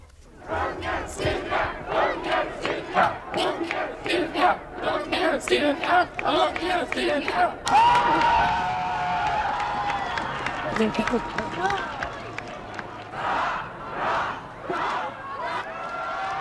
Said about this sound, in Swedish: Om det inte blev så många hurrarop för kungen den där höstdagen när han övertog tronen, så kommer folkets jubel idag.